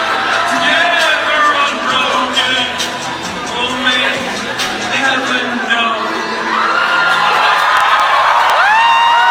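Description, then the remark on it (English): A loud crowd jeers and howls in a mocking way, ridiculing a man shot in the throat by an assassin's bullet: a dense wash of overlapping shouts, whoops and rising wails that carries on steadily for the whole stretch without a break. “They listen to them howl up from the pits of hell.”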